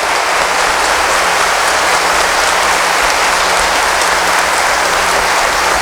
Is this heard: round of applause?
yes